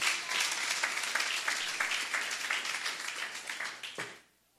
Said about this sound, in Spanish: ¿Cuántos alaban al Cristo de la gloria? Denle aplauso al Señor.